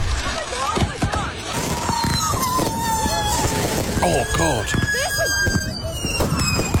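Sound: fireworks going off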